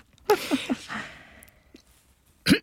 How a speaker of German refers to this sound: So. Ich musste mal eben einmal räuspern.